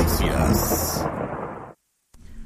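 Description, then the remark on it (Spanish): Heavy rain pours down in a dense, loud roar in the city of Cobán, then cuts off abruptly, leaving a brief silence before a faint low rumble returns. “13:08 y la lluvia está presente en la ciudad de Cobán. Llueve fuerte, así que tomen sus precauciones.”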